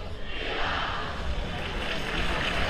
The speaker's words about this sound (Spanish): Esos son los aplausos del pueblo roteño.